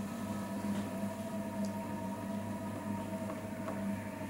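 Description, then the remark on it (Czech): A potter's wheel spinning with a steady, low mechanical hum and faint whirring overtones, holding an even level throughout with no voices. “Zvuk hrnčířského kruhu.”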